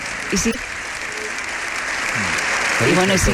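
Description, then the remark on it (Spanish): A crowd, with regional presidents and invited guests in the gallery, keeps up a dense, steady ovation after a speech, a continuous wash of clapping that holds its loudness throughout, with a man's voice briefly speaking over it at the start and end. “Y sigue esa ovación, ¿eh?”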